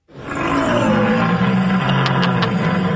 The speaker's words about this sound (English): My whole family, deer hunters, I've seen them use deer calls my whole life. None of them look like this. Or sound like that. No. It sounds like a bear in heat.